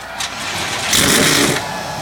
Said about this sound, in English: The command has been given. 37 NASCAR Cup Series cars come to life.